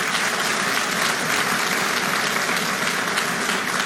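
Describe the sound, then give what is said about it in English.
A crowd claps steadily for several seconds, a dense, even wash of many hands applauding at once, fairly loud with no voices standing out. “Anyway, everyone clap for that.”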